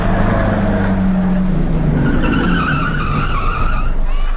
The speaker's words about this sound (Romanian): Da, în sfârșit, oprește o mașină.